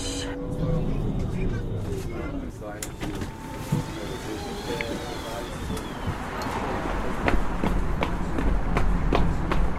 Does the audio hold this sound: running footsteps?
yes